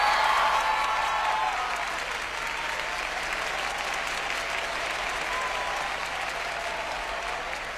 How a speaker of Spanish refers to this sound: Un aplauso para mis músicos, por favor.